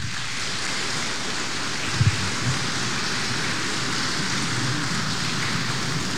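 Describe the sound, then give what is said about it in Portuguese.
A crowd applauds steadily right after an oath sworn by God and the holy gospels: a dense, even wash of clapping that holds at the same loudness for the whole six seconds, with no voices over it. “Uma salva de palmas.”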